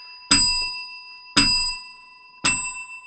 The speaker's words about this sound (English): Mandy Warby's ringing the bell